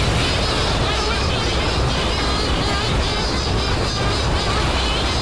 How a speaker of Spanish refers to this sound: Y delante de una madriguera que se asoma al acantilado, vemos el pico de la pardela y el diálogo entre la hembra que está dentro incubando y el macho que viene del mar. Aquí está el sonido del mar entero en esta conversación.